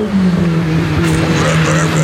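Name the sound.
race cars speeding past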